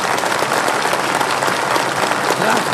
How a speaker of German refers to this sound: Es war ein Erfolg. Hör nur, wie sie jubeln.